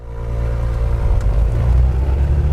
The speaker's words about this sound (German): Ich sitze in einem knallorangenen Overall in einer kleinen zweimotorigen Propellermaschine.